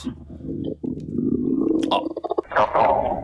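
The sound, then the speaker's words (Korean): A long, low gurgling stomach rumble after overeating rolls on for several seconds, churning and bubbling, then breaks into a rapid burst of squelchy pulses before ending in a higher, louder gurgle. “오랜만에 기름진 걸 너무 많이 먹었나? 잠깐 화장실 좀.”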